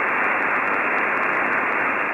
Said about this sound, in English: Go to the dial, try to listen to those two radio stations. It's nothing but static.